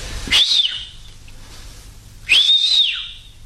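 A person whistles twice to call someone, each a short rising-then-falling call, with about two seconds of quiet between them; both whistles are clear, with no talking.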